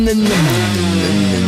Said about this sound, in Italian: Torniamo col motorino? Sai il Gilera?